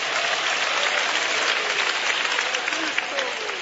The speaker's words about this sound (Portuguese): Assentem-se, e aos que tiverem razões para ser gratos a Deus, aplaudam a Ele, dando glória a Deus e dando aleluia. Mas é para Jesus as palmas, batam palmas e dê glórias ao nome do Senhor.